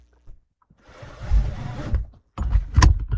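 A seatbelt buckling: a second-long swishing slide of the strap, a brief pause, then a sharp metallic click and short rattle as the buckle latches. No voices.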